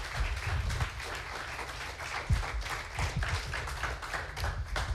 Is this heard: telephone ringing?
no